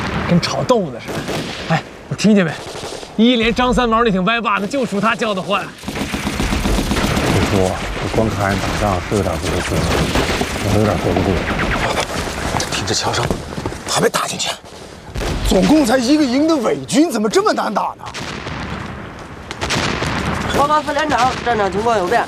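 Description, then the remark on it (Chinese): Dense battlefield gunfire crackles steadily throughout, like frying tofu, with rapid bursts from the First Company's light machine gun, mixed under a man's excited speaking voice for most of the stretch. “跟炒豆腐的似的，哎，我听见没？一连张三毛那挺歪霸的，就属他叫的唤。”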